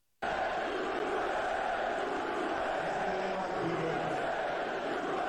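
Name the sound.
crowd booing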